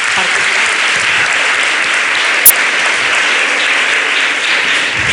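Sustained applause from a crowd fills the whole stretch, dense and steady clapping at a fairly loud level, with a brief sharp click partway through and no clear talking.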